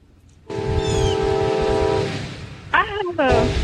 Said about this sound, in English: I hear the train.